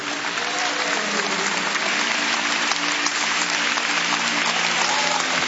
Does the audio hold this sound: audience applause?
yes